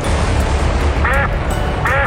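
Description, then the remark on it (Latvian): A duck quacks twice, two short nasal calls about a second apart, heard clear over a steady low background bed. “Ar Pinotex, kā pīlei ūdens, viņi saka.”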